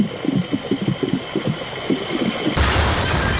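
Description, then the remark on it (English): In a fuel-pumping game, a quick series of rhythmic, mid-pitched pumping whooshes gives way to a sudden, loud game-show explosion effect as the bowser goes boom, a broad roaring boom that holds steady to the end. “unfortunately, you yelled out stop just as the Bowser went boom.”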